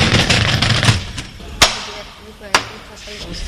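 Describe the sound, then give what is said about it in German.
A fire truck's sliding equipment compartment shutter at a fire station rattles open in a dense, clattering burst, then two sharp, loud clacks follow about a second apart as it settles, with soft background noise between. “Können wir so ein Gerätefach aufmachen, können wir mal reingucken, ne?”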